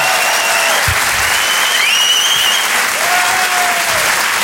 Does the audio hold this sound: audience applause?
yes